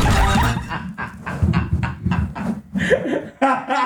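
A loud horse whinny, a long shaky neigh made of rapid pulsing bursts that rise and fall for a few seconds, with no talking over it.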